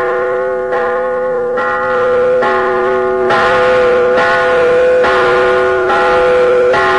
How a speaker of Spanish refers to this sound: En esos momentos, las campanas de la catedral repicaban anunciando la oración. Eran las 6 de la tarde.